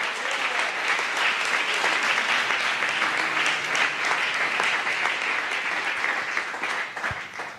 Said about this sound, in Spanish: Dele un aplauso a la gloria de Dios en esta mañana.